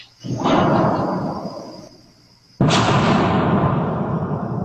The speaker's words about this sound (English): And it was not thunder. It was not raining thunder and lightning. His guess is that it was one of the meteors that breaks the sound barrier over St. Louis. There was a little bit of a flash, but not a big flash like you would normally see.